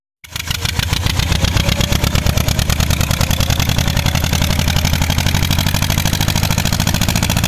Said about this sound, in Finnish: Tällaista traktorin pärinää saatiin WhatsAppiin.